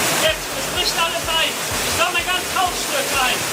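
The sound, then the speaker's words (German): Rushing floodwater roars in a steady, dense wash of noise, loud throughout, with faint muffled voices surfacing now and then beneath the torrent; masses of water flooding whole valleys in the Eifel, Germany, after more than 150 liters of rain per square meter fell within a few hours. “Die Wassermassen fluten ganze Täler.”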